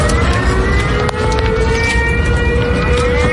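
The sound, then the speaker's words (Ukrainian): An air raid siren wails steadily, its sustained tones gliding slowly in pitch over a dense rumble of outdoor background noise, loud and continuous throughout. “І саме в цей момент знову лунає сигнал повітряної тривоги.”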